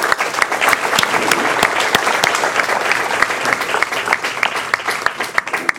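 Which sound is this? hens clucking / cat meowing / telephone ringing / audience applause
audience applause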